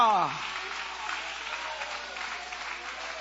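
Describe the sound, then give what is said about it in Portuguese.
An audience breaks into steady, sustained applause to glorify God, a dense wash of many hands clapping at once. A voice briefly rings out over it at the very start, then the clapping carries on alone. “Levanta a mão e aplaude a Ele, glorificando o nome dEle.”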